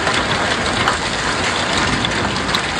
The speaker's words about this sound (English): Heavy rain and hail pouring down after a generally dry summer. Plenty of lightning this morning as well.